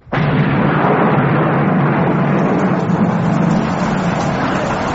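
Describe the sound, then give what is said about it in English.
A sudden burst of thunder breaks in and rolls straight into a loud, steady roar of heavy rain falling on a platoon on parade, with a low rumble running underneath the whole time and no voices. “Oh, Lord, sir, we're going to be drenched.”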